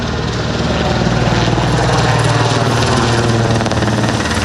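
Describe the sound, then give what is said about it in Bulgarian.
A loud, steady drone of two Cougar helicopters fighting a wildfire from the air over a village in Gurkovo municipality, rotors thumping in a fast, even rhythm with a broad engine roar over it, continuous with no voices. “По въздуха гасят 2 хеликоптера Кугър.”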